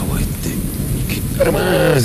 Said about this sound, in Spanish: Como mucha lluvia, estoy todo mojado.